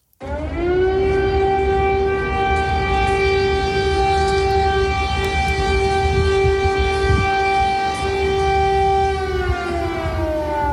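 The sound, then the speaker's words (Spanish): Loud, sustained air raid warning sirens blare in the city of Kyiv, the capital of Ukraine, for about ten seconds on a steady harmonic tone. The pitch slides slightly at the start and end, a rumbling background sits beneath, and no one is speaking. “Es el sonido real en Kiev, en la capital de Ucrania. Corresponde a las sirenas que avisan de un peligro inminente.”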